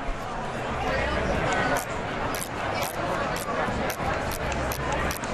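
A refreshable braille display with dot cells refreshing while scrolling through its main menu: a quick, irregular run of small mechanical clicks and taps over a steady whirring hiss, with no one speaking.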